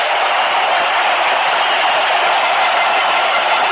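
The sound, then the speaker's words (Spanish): A stadium crowd at a football match gives a sustained ovation as 17-year-old player Gilberto Mora leaves the pitch, a dense, loud roar of cheering and clapping that holds steady throughout with no one speaking over it. “Me voy a callar mejor para que ustedes escuchen la ovación.”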